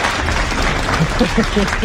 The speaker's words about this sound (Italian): Aspetta, perché qui c'è anche il nostro gruppo di ascolto che è pronto ad applaudirti e arriva l'applauso.